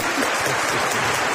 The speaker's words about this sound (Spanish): Bueno, vamos a empezar por los del frío. Los del team del frío, a los que le gusta más el frío, que aplaudan fuerte, por favor.